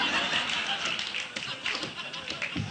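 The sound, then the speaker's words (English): Someone knocks on a door in a quick, uneven series of sharp taps, fairly clear, over a steady hiss of background noise. “Open the door and let me in.”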